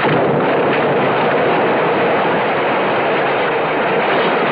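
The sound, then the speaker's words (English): An old plane, wrecked in a crash, blows up in a thick, sustained roar of explosive noise that stays loud and steady throughout without fading, with no voices. “Far enough away before the old crate blew.”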